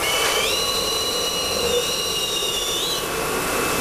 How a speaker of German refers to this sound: In diesem Fall gibt es zwei Düsen, eine Außen- und eine Innendüse. Jeder gespülte Becher wird zuerst von der Außendüse getrocknet, anschließend schlürft die Innendüse das Becherinnere trocken. Das hört sich dann so an.